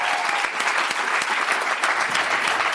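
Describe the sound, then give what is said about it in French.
Loud, sustained applause for the team of the film La Vénus électrique at its Cannes press conference: a dense crackle of many hands clapping steadily without pause, with no voices standing out. “Je vous remercie tous et je vous invite à applaudir très fort la Vénus électrique.”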